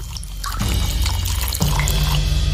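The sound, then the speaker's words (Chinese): Freshly pressed rapeseed oil gurgles and pours in a steady stream under great pressure from a press worked by a wooden hammer striking wooden wedges, with a low bubbling rumble that swells noticeably partway through and stays strong to the end. No voices. “木锤撞击木楔子，菜籽油在巨大的压力下汩汩流出，滴滴浓香，一闻清新。”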